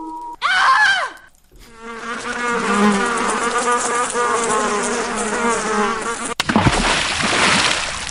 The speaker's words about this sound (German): Ja, sie fliegen summen da schon rum, ja. Um das verdorbene Essen.